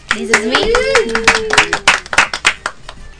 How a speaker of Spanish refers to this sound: ¿Le podemos aplaudir?